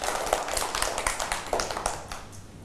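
A small group claps their hands in a brief round of applause, the quick irregular claps overlapping steadily for a few seconds at moderate loudness, with no talking.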